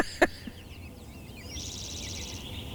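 Soft, high chirping and twittering from several wild birds outdoors, growing denser after a moment, with a low background rumble and one sharp click near the start.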